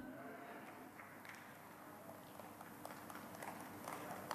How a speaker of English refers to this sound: We got a couple of golf claps here.